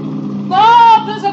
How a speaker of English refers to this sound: There's a boat coming up pretty fast. So what? Well, I hate to spoil the party, but I think it's a Coast Guard.